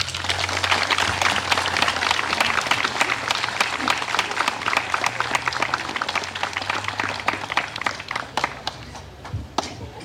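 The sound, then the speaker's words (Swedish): A room full of people breaks into sustained applause, dense overlapping claps filling the space at steady loudness, then thinning toward the end with a few scattered final claps. “En varm applåd.”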